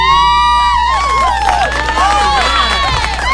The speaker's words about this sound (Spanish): La dirigencia de Melé va a llevar a ver el mundial a sus jugadores. ¿Qué le parece? Póngale un aplauso.